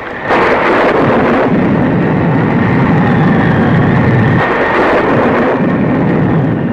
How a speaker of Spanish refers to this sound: Las palabras solemnes de Chan Mako parecían encontrar eco en la naturaleza. El cielo se iluminaba con relámpagos cegadores y la lluvia azotaba la selva con viento huracanado.